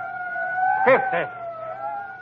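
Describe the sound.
A police car siren of cops coming after someone holds a steady, high wailing tone that drifts slightly in pitch throughout, while a brief burst of a man's voice cuts in over it midway.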